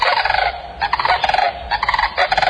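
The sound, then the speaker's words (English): A sandhill crane (Antigone canadensis) gives its loud, rattling bugle call, made with an extended trachea that curls into its sternum. The call repeats in several rolling bursts, each a rapid trill of pulses with brief pauses between. The bird is alone, with no voices. “The bird's long neck holds an extended trachea that curls into the sternum and helps it create its loud, rattling bugle call that echoes from miles across the plains.”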